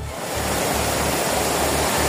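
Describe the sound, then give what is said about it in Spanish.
A steady, dense roar of torrential rain pouring down in the Barcelona area, where over 150 litres have fallen and streets and cars are flooded, with rushing floodwater, constant and loud throughout with no voices. “Sí, la situación es especialmente complicada en el área de Barcelona, sobre todo en municipios como L'Hospitalet y Cornellà, donde la lluvia ya ha superado los 150 litros y ya hay calles y coches inundados. Este es el sonido a esta hora.”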